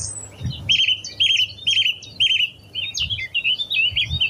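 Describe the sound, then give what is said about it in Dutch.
A nightingale, song thrush and willow warbler sing at once from hawthorn bushes on Landtong Rozenburg, a dense tangle of bright whistles, repeated warbling phrases and quick trills overlapping continuously, with faint low rumble beneath. “van Nachtegaal, zanglijster en Fietes klinkt uit de meidoorns op Landtong Rozenburg.”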